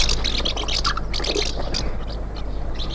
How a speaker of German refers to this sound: Vielleicht die Mehlschwalbe.